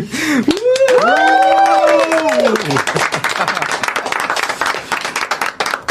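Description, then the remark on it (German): A loud, sustained cheer of several voices rises over dense clapping, applause and a whoop to thank the whole editorial team of the Funkenflug Late Night Show, then the whooping fades while steady applause carries on to the end. “Und das machen wir am besten, weil anders können wir es nicht darstellen, mit einem kräftigen Applaus und einem Wuh.”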